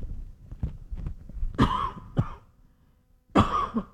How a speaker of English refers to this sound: Sorry, he's trying not to cough into the mic.